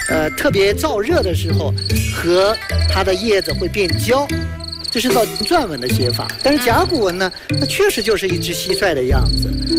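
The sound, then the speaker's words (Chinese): A cricket chirps by rubbing its wings, a steady, high-pitched trill that runs through the whole stretch, loud, mixed with other sliding tonal sounds. “然后它叫触枝，因为它的那个鸣叫，它翅膀的摩擦声其实是特别像纺织，纺织”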